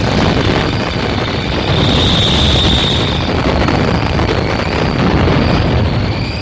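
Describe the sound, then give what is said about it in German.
A loud explosion sound effect: a dense, continuous roar and rumble that fills the whole stretch at steady strength, with a faint hissing whine on top and no voices. “Explosion.”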